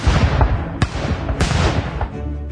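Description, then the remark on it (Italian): Dense, crackling bursts of gunfire and explosions from New Year's celebrations at midnight in Italy, entering 1948, go off in quick succession, with sharp loud cracks standing out from a continuous rumbling barrage of shots and firecrackers. “Nell'Italia che entra nel 1948 sono gli spari e le esplosioni dei festeggiamenti del Capodanno ad ufficializzare proprio a mezzanotte anche l'entrata in vigore della nuova Costituzione.”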